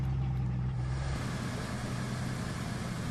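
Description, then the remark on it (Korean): A heavy mountain delivery truck's engine rumbles steadily, then its low hum drops and settles into an idle as the truck comes to a halt on its route. No voices are heard. “그 육중한 바퀴가 가던 길을 멈춘다.”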